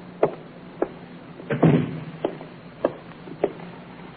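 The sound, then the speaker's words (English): A door thuds shut partway through, amid a steady series of sharp footstep-like taps spaced about half a second apart, with no voices. “Shut the door, will you, Inspector?”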